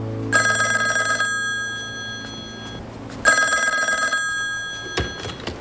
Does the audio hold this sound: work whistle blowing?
no